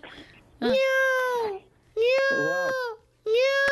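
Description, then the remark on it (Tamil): Three drawn-out, strongly harmonic meows come one after another, each about a second long and loud. A human voice is doing a mimicry imitation of a cat, with faint murmuring in the gaps. “இது பூனை. ஓகேயா? பூனைக்கு சூப்பர் சூப்பர்.”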